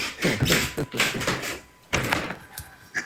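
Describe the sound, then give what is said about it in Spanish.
A door in an old building is moved, giving off a drawn-out creaking, scraping rumble that fades, then a sharper knock and a shorter scrape near the end. “No, es que le muevan esa puerta.”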